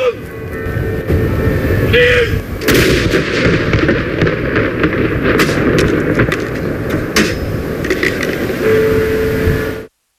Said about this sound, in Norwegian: I timen mellom klokka 12 og 13 så ble det ringt med kirkeklokker over hele landet. Samtidig ble det avfyrt salutt til ære for den avdøde kongen.